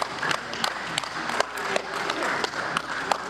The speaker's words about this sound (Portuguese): Nesta atividade, por exemplo, os atletas são guiados por estímulos sonoros das palmas.